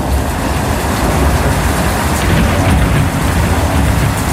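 Heavy, steady rain pours down with a deep, continuous rumble of thunder underneath, loud and close throughout, with no voices present.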